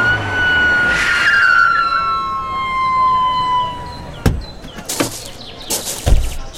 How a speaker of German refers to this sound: Da, der Rettungswagen kommt. Ja, zum Glück ist die Station ganz in der Nähe.